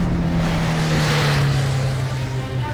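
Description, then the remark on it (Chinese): A car engine roars steadily, a low droning hum over broad rushing noise, its pitch sinking slightly as the car, which had been waiting behind a hospital's back door, drives off quickly. No voices. “他看见顾青跑出医院后门，爬上一辆早在等候的汽车，汽车迅速开走。”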